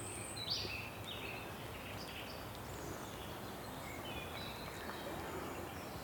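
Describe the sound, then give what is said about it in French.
Birds whistle and sing in scattered, faint phrases over a steady hiss of outdoor ambience in misty mountain woodland, with no clear voices. “Quelques oiseaux siffleurent.”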